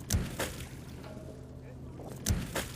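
A harvest boat works on the water at a sea farm, harvesting seaweed grown on underwater ropes, its engine droning steadily, with sharp clunks and splashes near the start and again near the end.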